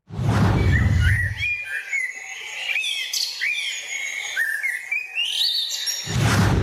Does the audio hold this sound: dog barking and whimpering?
no